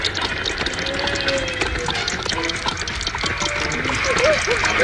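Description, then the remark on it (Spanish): Wet splashing and sloshing fill the scene under steady rain, while short, high squeals rise and fall near the end, as a plump-bodied animal squeals and leaps about in mud out in the hills, right in front of the listener. “Un animal chillaba y brincaba en el lodo, salpicando todo.”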